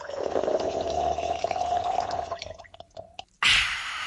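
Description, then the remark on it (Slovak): A non-alcoholic Litchi Breeze drink being stirred: a steady swirling, liquid rush with a faint ringing tone, then a few scattered clinks and drips, ending in a sudden fizzy splash. “Nienče raz miešaš a náš Litchi Breeze jo gotovy.”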